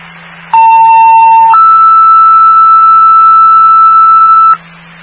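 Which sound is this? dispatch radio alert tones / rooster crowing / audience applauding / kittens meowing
dispatch radio alert tones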